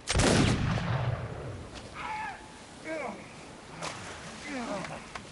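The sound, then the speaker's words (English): A single loud musket gunshot, fired by the squire from a boat in the waves at Mr. Hands and striking another man, booms at the start with a rumbling tail, followed by brief raised voices calling out over a rough, noisy background. “I missed Hands and struck another. Give me another musket.”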